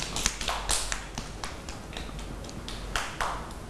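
A group of children clap their hands in a loose, uneven patter of sharp claps lasting a few seconds, with no one speaking over it.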